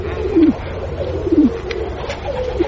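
pigeons cooing

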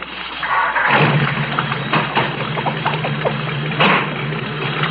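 car engine starting

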